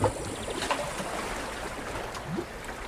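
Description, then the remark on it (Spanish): Water flows and splashes steadily at a moderate level, a continuous broad wash with small lapping surges, and no voices present. “Pero vamos a seguir viajando, porque por suerte hay parques nacionales donde el sonido del agua nunca desaparece, aunque sea salada.”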